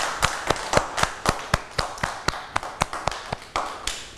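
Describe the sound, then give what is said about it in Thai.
Children in a classroom clap for themselves: a quick run of sharp hand claps, roughly fifteen sounding in close succession with a slightly uneven rhythm, clear with no talking over them. “เด็กๆเก่งมากเลยค่ะปรบมือให้ตัวเองด้วยค่ะ”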